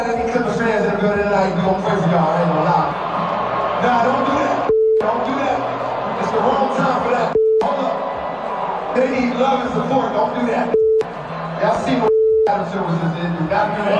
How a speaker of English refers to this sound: So unfortunately, their rough week continues, getting booed in their own arena.